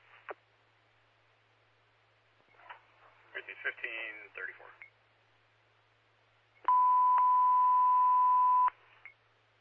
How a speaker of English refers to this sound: If you could have tones put out to have engine 340 to come to the scene.